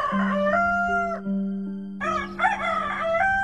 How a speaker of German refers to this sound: Sie kamen an einem Hof vorbei. Da saß der Haushahn auf dem Tor und schrie aus Leibeskräften.